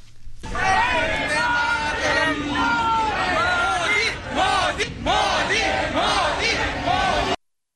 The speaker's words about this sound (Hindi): इसके बाद पूरा स्थल मोदी मोदी और वंदे मातरम के नारों से गूंज उठा।